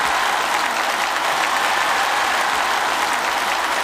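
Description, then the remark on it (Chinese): Steady, dense applause from the audience of the variety show 环球综艺秀 (Global Variety Show), a loud wash of many hands clapping that holds evenly for about four seconds with no voices on top. “通过掌声能感觉到，是不是觉得我还是很帅的？”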